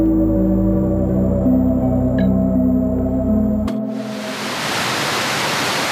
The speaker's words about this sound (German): Dort, wo bis zum 11. September die beiden Zwillingstürme standen, befinden sich heute 2 riesige Wasserbecken. An allen 4 Seiten stürzt das Wasser in die Tiefe, ununterbrochen Tag und Nacht.